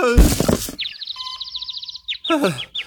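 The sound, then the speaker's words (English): A loud, heavy thunk of a vase, sent flying up when Millard hit a table, striking his head and knocking him out cold, followed by a long warbling run of chirpy, tweeting tones and a quick descending whistle, like a cartoon knockout effect. “Millard angrily hit a table, causing a vase to fly up in the air and conk him on the head, knocking him out cold.”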